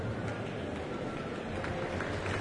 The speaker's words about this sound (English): Well, that applause you can hear now. Soloist Alina Ibragimova is coming onto the stage with tonight's conductor, Eleanor Schwartz, to perform Felix Mendelssohn's Violin Concerto in E minor with the BBC National Orchestra of Wales.